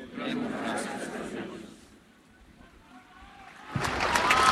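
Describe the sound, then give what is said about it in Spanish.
An audience applauds at the close of a church service: a dense wash of clapping that thins out and quiets midway, then surges back loudly near the end, with voices mingled in the crowd noise. “Aplauso final de todos los presentes, que yo creo que se quedan con ganas de un poquito más, sí, ¿no?”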